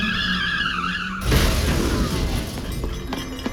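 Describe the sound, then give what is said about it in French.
A car brakes hard when its pedal is pressed to try it out, with a long, loud tire skid, the screech giving way to a rough crunching scrape that trails off over a few seconds, after a brief steady tonal hum. “J'ai cru que Lionel me parlait de la pédale de la voiture, alors j'ai voulu essayer.”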